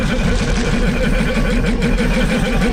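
The loud, sputtering engine of Sebulba's pod racer from the Star Wars film drones continuously, its low, rapid rhythmic warble pulsing steadily like a rough, choking motor, with no voices.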